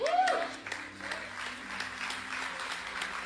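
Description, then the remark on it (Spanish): An audience applauds, a steady wash of many hands clapping at moderate loudness, with a brief rising vocal cheer or shout at the start. “Si ese aplauso equivale a la revelación, necesitamos continuar pidiéndole a Dios que nos dé el entendimiento.”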